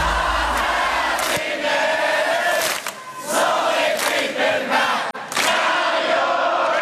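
A large concert crowd of 10,000 roars and cheers loudly and continuously, with sharp bursts of clapping and whoops rising out of the dense wash of noise, clapping and singing along at a band's farewell concert in Brisbane on a humid night, November 13, 2010.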